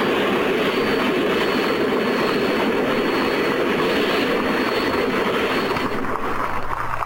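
Granatelli's STP side-mount Paxton Turbine race car, the Turbine Experimental, at the Brickyard, roars loudly and steadily for several seconds, a dense rushing jet-like noise topped by a thin, constant high whine, easing slightly at the very end. No one speaks.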